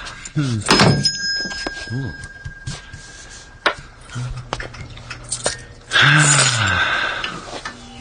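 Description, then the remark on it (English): A shop door opens with a sharp clatter near the start, and a small bell above the door rings on with a lingering metallic shimmer. Voices murmur and call out afterward, with a louder burst of activity toward the end. “You realize, of course, there's a more efficient way to let you know a customer has come in than the employment of that small bell above the door.”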